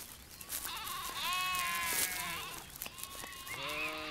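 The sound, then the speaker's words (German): Sheep grazing on dry grassland bleat in a loose overlapping series of wavering, nasal calls, one drawn-out bleat after another, at moderate loudness with no talking. “Damit die insektenreichen Mager- und Trockenrasen nicht von Büschen oder schnell wachsenden Pflanzen wie Brennnesseln überwuchert werden, sind die Schafe vom Frühjahr bis in den Herbst im Einsatz.”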